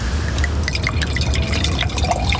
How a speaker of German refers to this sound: Darf ich nachschenken? Gerne.